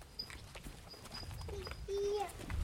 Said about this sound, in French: C'est les vaches. Ah, je parle vache, oui. On va pas aller là maintenant. Attends, je vais voir où elles sont. Parce que putain, les vaches remontent. Ah oui. Ah, c'est bon, elles se retournent.